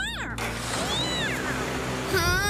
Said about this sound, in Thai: ฉันไม่เข้าใจที่เธอพูดเธอก็พูดแต่เหมียวไม่ช่วยอะไรเลย